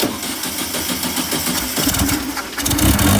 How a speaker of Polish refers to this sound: No to jeszcze raz uruchommy ten silnik.